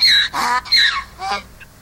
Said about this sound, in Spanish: Cuando un burro rebuzna, los demás se callan.